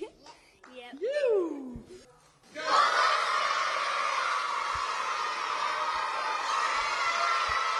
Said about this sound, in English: Now I know what that cheer was about. It couldn't have been about a nil or draw. That cheer was about winter holidays, wasn't it? The kids at St. Vincent's Primary School